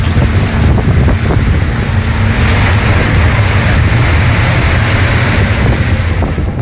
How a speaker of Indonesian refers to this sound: Angin dan badai mulai membuat perahu mereka mulai terombang-ambing dan bahkan air mulai masuk ke perahu.